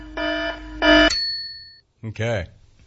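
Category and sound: signal or alarm, alarm going off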